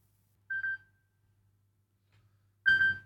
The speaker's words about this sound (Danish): Det ringer, hör vem kan det vara?